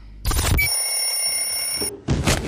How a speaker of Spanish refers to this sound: Apagaste la alarma.